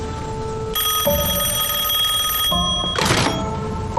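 A telephone bell rings in a sustained, bright metallic trill, breaking off briefly before a short burst of rustling noise, with no voices present.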